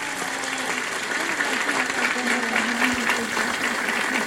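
An audience in a church applauding their patron saint, steady dense clapping from many hands for several seconds, with a faint murmur of voices underneath.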